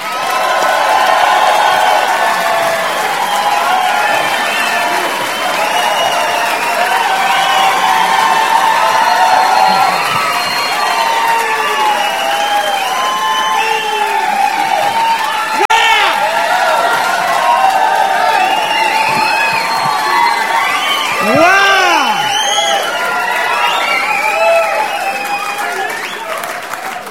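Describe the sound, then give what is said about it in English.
A crowd cheers and applauds loudly and steadily after John Panette is introduced, with whoops and shouts rising over dense clapping for nearly half a minute without letting up. “Wow, you're a lively bunch.”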